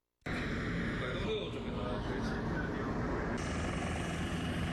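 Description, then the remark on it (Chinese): Loud roar of helicopter engines and thudding rotors starts abruptly and holds steady, a dense continuous rumble with a whining edge, as several types of helicopters of a brigade of the Chinese Army's 72nd Group Army lift off in turn on control tower orders, heading to mission waters for water search-and-rescue training. “随着塔台指令下达，陆军第72集团军某旅多型直升机依次升空，飞赴任务水域展开搜救训练。”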